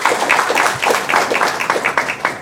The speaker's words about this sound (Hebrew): יש לנו כאן שתי בנות נפלאות שהגיעו מהקריות, נכון? הגיעו מהקריות, כן, מחיאות כפיים היום, כן?